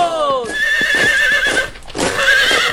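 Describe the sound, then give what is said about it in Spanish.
A white horse ridden by Simón Bolívar in Peru whinnies loudly in a long, wavering neigh with a quavering high pitch, rising again near the end, with faint hoof clops underneath. “El libertador, montado en su caballo blanco”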